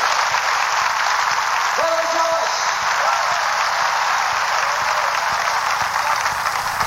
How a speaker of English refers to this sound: Hallelujah. Come on, give the Lord a hand clap.